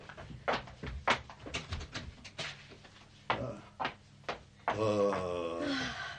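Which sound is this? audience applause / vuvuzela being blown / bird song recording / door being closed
door being closed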